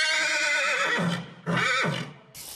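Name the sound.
horse neighing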